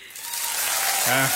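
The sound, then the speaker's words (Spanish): Dense, steady clapping, an applause sound effect played on the radio station Exa Morelia, fills the short moment at a fairly loud level, and a voice briefly cuts in near the end. “No, todo el mes de aplausos, dale.”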